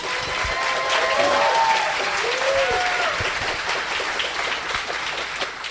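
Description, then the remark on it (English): Steady applause from an audience giving one more round of applause to the candidates at an evening candidates' question event, a dense wash of clapping that holds at a constant loudness throughout, with a few faint cheers or whoops rising briefly early on. “We can give them one more round of applause.”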